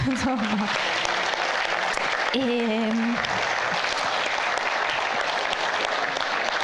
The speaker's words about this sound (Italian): E quindi una nostra eccellenza di cui andare sicuramente fieri, quindi farei un applauso.